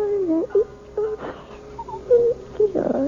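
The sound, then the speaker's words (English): A one-year-old baby babbles and coos happily in short, rising and falling bursts, with a few brief whimpering squeals and breathy sounds between them, fairly loud against a quiet background. “You sound like a happy baby to me”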